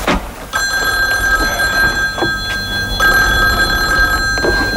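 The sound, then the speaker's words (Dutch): A telephone bell rings in two long, steady bursts separated by a brief pause, loud, over a low background rumble with no one speaking; the phone on the Dutch TV show Van Oekel's Discohoek. “En waar Evert van der Pik, de assistent van chef Van Oekel, de telefoon zelf even aannam.”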